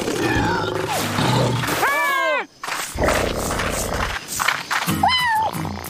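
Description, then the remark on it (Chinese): A tiger roars twice over a loud, rumbling, booming background, each roar a strained, wavering call that rises and then falls in pitch, the second one shorter. No one speaks. It is from the cartoon Paw Patrol, heard after a rescue at Rumble Mountain. “我想老虎是在说谢谢吧。”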